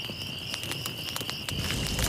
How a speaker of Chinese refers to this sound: 来来， 把篝火燃起来！ 得令。